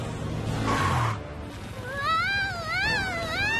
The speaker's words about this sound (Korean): 어? 고양이가 짖네?